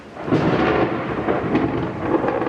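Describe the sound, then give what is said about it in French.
Heavy rain pours down in a steady, dense hiss during a summer thunderstorm in Mexico City while deep rumbles of thunder roll underneath, swelling and fading. No voices are heard. “La pluie, c'est justement ce qui rythme l'été à Mexico.”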